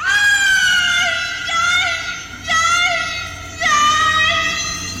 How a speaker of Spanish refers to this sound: El grito de la llorona. ¡Horrible! ¡Horrible!